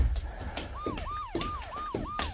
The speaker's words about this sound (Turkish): Allah kahretsin. Polis arabalarının sesi bu. Suzan'ın tabancasından çıkan sesi duymuşlar.